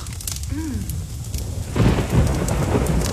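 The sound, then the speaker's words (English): Steady heavy winter rain in Victoria pours down with a dense hiss, and partway through a deep rumble of thunder rolls in, swelling loud and low beneath the downpour. “Kind of pouring.”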